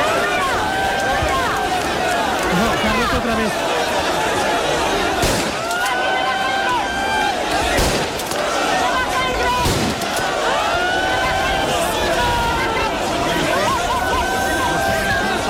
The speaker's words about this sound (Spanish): Los agentes han tenido que lanzar disparos al aire para tratar de controlar la avalancha durante ese agitado traslado.